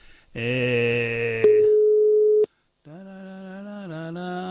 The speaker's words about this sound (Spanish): A ver, si me coge el teléfono.